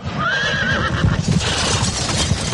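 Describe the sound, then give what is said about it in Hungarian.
A horse whinnies with a high, wavering call near the start, while the clatter and rumble of a horse-drawn carriage rolls on and slows beneath it. No one speaks. “Állítsa meg, kérem, a kocsit!”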